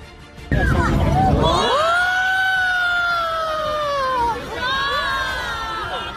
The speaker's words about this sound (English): That was quite the reaction. Wow. You can hear people there just yelling and gasping.